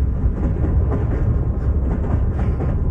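Steady, deep rumble inside a moving train carriage, with a constant low roar and faint rhythmic rattling, loud and continuous throughout, no voices.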